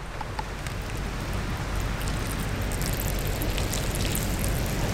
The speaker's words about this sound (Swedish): There's a filter inside. So this particular filter is a cylinder. And the one I push through, it's going to force water through that filter and out.